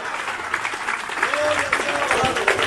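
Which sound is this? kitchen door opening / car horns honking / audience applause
audience applause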